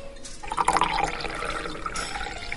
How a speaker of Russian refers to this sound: Официант принес ей минеральную воду и наполнил изящный на высокой ножке стакан из тонкого стекла.